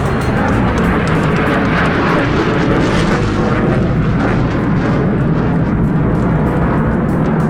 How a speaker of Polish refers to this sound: Panie i panowie, spójrzmy na niebo po państwa lewej stronie, bo właśnie tam są samoloty, które wykonały uroczyste przeloty w ramach powitania z Polską.